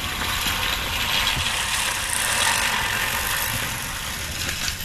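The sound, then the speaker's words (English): A push reel lawnmower whirs and rattles steadily, its blades producing a dense, continuous metallic clatter at an even loudness, with no voices. “The human-powered lawnmower.”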